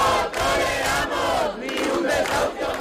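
A large protest crowd of thousands of people in front of the Palacio de Congresos chants loudly in unison, many voices blending into a dense, continuous roar with rhythmic swells and brief dips between shouted phrases.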